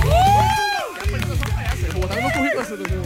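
A crowd claps and cheers for about three seconds, steady dense applause with rising whoops and a sharp whistle-like cry at the start, loud throughout.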